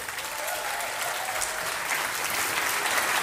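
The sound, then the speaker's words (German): A concert audience applauds the pianist steadily, a dense wash of many hands clapping at an even, sustained level with no voices standing out. “Einmal einen großen Applaus bitte”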